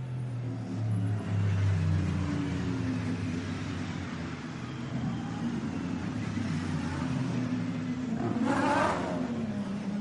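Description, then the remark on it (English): Continuous engine roar from racing cars on a circuit, including GT cars mixed in among the field, with droning low harmonics that shift in pitch as they pass, and a brighter whooshing burst near the end as another car goes by. “So there are some GT cars mixed in towards the sharper end of the field there.”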